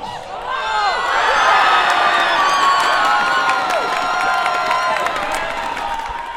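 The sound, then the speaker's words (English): A large crowd at a World Cup soccer watch party in Canada Games Plaza, city of PG, erupts in sustained, loud cheering and shouting as Spain scores in extra time for a 1-0 win over Argentina, many high voices whooping and screaming without pause, with scattered claps and shrill whistles. “That was a sound from Canada Games Plaza as Spain scored an extra time for a 1-0 victory over Argentina to capture the World Cup of Soccer.”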